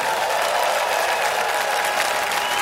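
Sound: concert audience applauding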